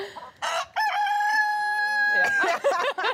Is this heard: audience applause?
no